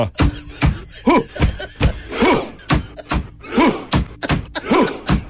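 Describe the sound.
A steady pattern of heavy, thudding drum-like beats, with a loud, deep shout landing at regular intervals between them, a chant-like rhythm seemingly made by hands and voices imitating the drum beat and shouts of Vikings rowing.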